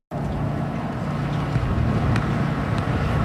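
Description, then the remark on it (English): Steady wind roars and buffets outdoors, a constant low rumble with a broad hiss on top that holds at the same loud level throughout, with no voices. “It's a windy one.”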